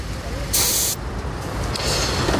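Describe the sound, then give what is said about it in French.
A short, sharp burst of air hiss lasting about half a second, followed by a fainter, longer hiss, set against a low rumbling background, as the pressure of a car's driver-side tyre is checked during a roadside stop in Walloon Brabant, Belgium. “On peut vérifier peut-être côté conducteur la pression des pneus d'usage.”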